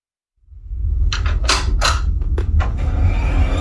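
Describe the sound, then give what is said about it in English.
A computer booting up: a steady low fan hum starts abruptly and holds, with a quick run of mechanical clicks and whirs over it, then a faint high whine. “The familiar sound of a computer booting up.”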